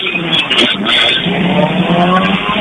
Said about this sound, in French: C'est la voiture 56 qui vient de partir, c'était sur la ligne des départs.